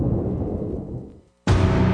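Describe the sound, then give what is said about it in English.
A deep, loud thunder rumble rolls and slowly fades into a moment of silence, then a sudden burst of harsh, hissing noise cuts in. “And storms are coming.”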